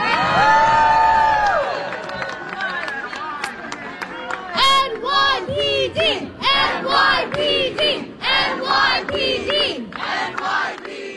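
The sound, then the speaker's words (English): A loud crowd at a peaceful protest in New York cheers and shouts together, thanking and applauding the NYPD officers present, with high whoops and overlapping voices rising and falling in bursts, and scattered clapping mixed into the roar throughout. “The people thanking the New York Police Department and applauding the NYPD officers that were present for the peaceful protest where no one was attacked, no one was bloodied, no one was arrested, no property was damaged,”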